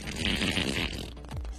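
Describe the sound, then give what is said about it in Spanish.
A voice imitates a long, wet fart from the effort of a sneeze: a sustained, sputtering raspberry lasting over a second, loud, trailing off into a low rumble. “Pero el esfuerzo del estornudo se le salió otro gas.”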